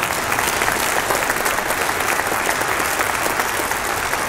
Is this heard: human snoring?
no